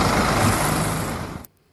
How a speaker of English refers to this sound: Well, there you go, truck.